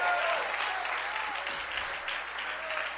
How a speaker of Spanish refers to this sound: Dale tu mejor aplauso esta noche.